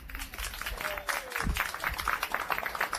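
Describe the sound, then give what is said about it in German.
Steady applause from an audience in Fürstenfeld during a live broadcast, welcoming a very young musician, a dense crackle of many hands clapping continuously for several seconds at moderate loudness, with a brief faint tone and murmur mixed in. “Und ich hoffe jetzt auf einen tosenden Applaus, denn ich habe einen ganz jungen Musiker bei mir.”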